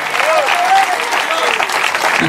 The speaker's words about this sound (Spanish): Debe verte ese aplauso si es para el Señor.